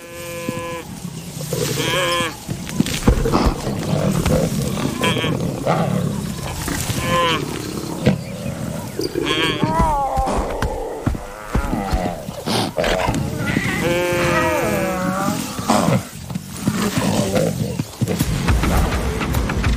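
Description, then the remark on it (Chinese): Lions attacking a wildebeest, trying to knock it down, one lion's leg caught on the wildebeest's leg: loud, overlapping deep growls and grunts mixed with long bellowing, wavering moans that rise and fall in pitch, continuing without pause throughout. “狮子还想把他扑倒，其中一只狮子的腿卡在了角马的脚上。”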